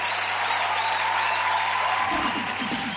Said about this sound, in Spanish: ese aplauso